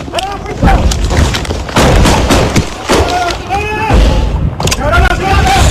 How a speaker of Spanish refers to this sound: pero escuchen ustedes mismos los momentos de tensión y la balacera que se vivió en el barrio Los Alpes de Ciudad Bolívar.